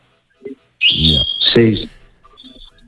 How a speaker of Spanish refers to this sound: Y te dejó también lo de la alpargata y te dejó ahí unos pajaritos que estoy oyendo de fondo.